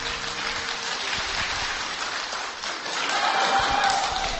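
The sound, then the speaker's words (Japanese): An audience at a public recording of a radio gospel programme at Iwaki Alios claps steadily, a dense, even wash of many hands that swells slightly toward the end, with no voices breaking through. “はい、皆さん、温かい拍手ありがとうございます。”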